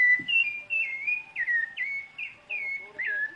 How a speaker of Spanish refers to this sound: Ay, lo amo, el zorzal lo amo.